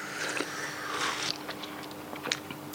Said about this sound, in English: Mass slurping. It's like the cult of Jimmy Jones. This, everybody's slurping at the same time. No, I know. Of course it's hot. We just made it out of a hot kettle, didn't we?